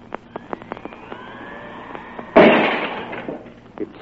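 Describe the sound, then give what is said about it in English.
A small, light, compact weapon based on atomic force fires with a sharp report and a glass on the edge of a table shatters loudly, its bright crash spreading and fading over a second, after a few faint clicks and a thin whistling tone. “It's amazing. The glass was shattered.”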